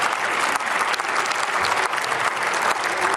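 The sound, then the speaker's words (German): Sustained applause from a large group in a parliament, a dense, steady wash of clapping hands at an even loudness throughout, with no voices heard. “Wenn ich so etwas einmal besonders hervorhebe, auch wenn es in Ihrer Zeit entstanden ist, dann müssten Sie doch eigentlich Beifall klatschen, statt hier mit ständigen Zwischenrufen versuchen zu stören.”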